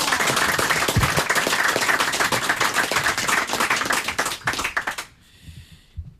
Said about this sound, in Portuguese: Viola de fado, um fortíssimo aplauso